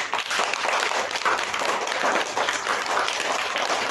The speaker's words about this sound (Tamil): இந்த மூணு பாட்டுக்காக மிகப்பெரிய கைத்தட்டு கொடுத்தலாமா?